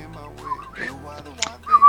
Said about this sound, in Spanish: ¡Ah, mirá cómo tiró el silbido! ¡Ah, cómo está el pájaro! ¡Ay, cumpleaños! Te silbó.